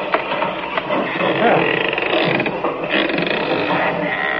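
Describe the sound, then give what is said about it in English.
A door creaks open slowly, with a drawn-out, grinding squeal that scrapes and rattles for several seconds against a dense, noisy background. “And a good thing, too, or they'd seen that door open.”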